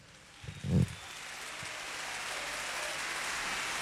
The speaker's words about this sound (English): And the rain, apparently.